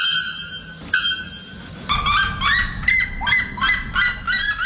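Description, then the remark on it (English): Loud, ringing calls of a bare-throated bellbird and a red-legged seriema, birds that can sing above 120 decibels: a sustained metallic tone at first, then a rapid series of harsh, yelping notes repeating rhythmically, piercing, with no talking. “Those are the sounds of the bare-throated bellbird and the red-legged Suriema.”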